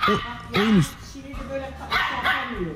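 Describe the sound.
A small, young dog barks and yips in short, expressive bursts, with rising and falling whiny tones, while its owner talks back to it in between.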